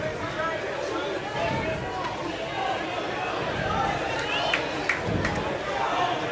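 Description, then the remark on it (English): Steady murmur of a large baseball stadium crowd chattering during a Saturday game, a continuous blended hubbub of many voices with a few brief higher calls and whistles rising out of it. “Pretty good crowd on hand this Saturday.”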